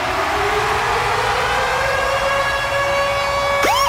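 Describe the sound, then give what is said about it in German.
A loud siren-style alarm jingle, the Virgin Radio Ticket Alarm, plays alone: a wailing tone with bright harmonics slowly climbs in pitch, then breaks into a quick swooping sweep at the very end. “Und zwar immer dann, wenn ihr unseren Virgin Radio Ticket Alarm hört, dann steht da Achtung.”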